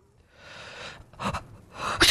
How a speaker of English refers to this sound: I've had these sneezing fits. Yeah. Sorry. Sorry. They just come out of the blue.